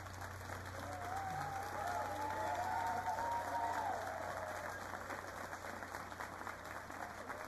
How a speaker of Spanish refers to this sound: La directora del coro Calamuchita de Melville, que está recibiendo el aplauso de todo el público, porque la verdad que ha hecho un trabajo estupendo.